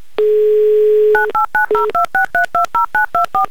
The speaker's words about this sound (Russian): Набран номер телефона Алсу, звоним в Пермь, дожидаемся гудков